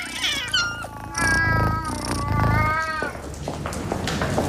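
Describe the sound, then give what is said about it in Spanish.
Boo, a male cat, meows repeatedly and insistently, several drawn-out, wavering cries, some rising into a strained, yowling tone, with no one speaking. “Mi gato Boo, por ejemplo, es chico y también tiene.”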